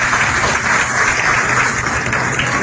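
Sustained audience applause, a dense, steady wash of many hands clapping at once, loud and even throughout with no voices standing out.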